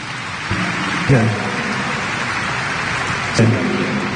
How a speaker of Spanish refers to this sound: Vamos a aplaudir a la Santísima Virgen María.